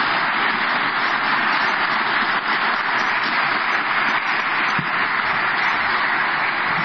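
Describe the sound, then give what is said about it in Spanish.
A crowd claps steadily and densely for about seven seconds for newly appointed minister Morales, a sustained, even roar of many hands with no voices rising above it. “Por ello, no puedo más que pedir un fuerte aplauso al flamante ministro Morales.”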